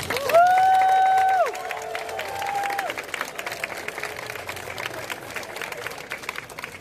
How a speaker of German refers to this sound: Und ich glaube, ihr könnt euch jetzt selber dafür mal einen ordentlichen, starken Applaus spendieren.